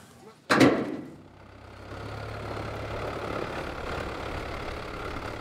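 boat engine running

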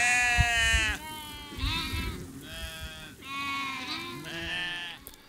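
sheep bleating

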